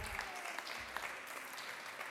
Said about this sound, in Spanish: Un fuerte aplauso.